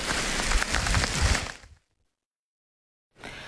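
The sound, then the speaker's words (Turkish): Rain falls in a steady, dense patter with some low rumble, then cuts off abruptly into silence before a quieter hiss of rain returns briefly at the end. “Yağmur dinmeyince Alperen sürüyü toplayarak eşeğiyle evin yolunu tuttu.”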